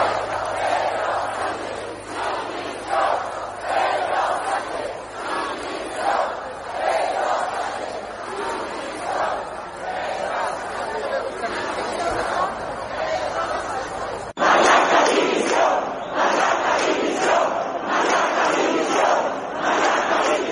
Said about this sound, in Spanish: Se escucharon gritos gritos pidiendo la dimisión de Pedro Sánchez y de Marlaska.